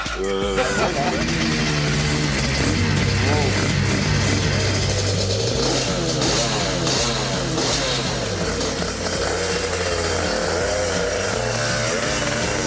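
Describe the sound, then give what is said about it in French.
A motorcycle engine drones loudly and steadily on the Murcie-Lévy race circuit, its pitch stepping up and down as it revs, while a man talks over the noise throughout. “Alors voilà, j'entre sur le circuit de Murcie-Lévy, au guidon d'une moto qui est mythique pour moi, parce que j'avais dans ma chambre d'ado le poster de Dominique Sarron sur sa RS 250.”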